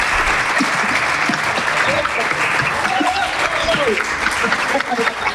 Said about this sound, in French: On peut les applaudir. Merci, on peut t'applaudir. Merci beaucoup.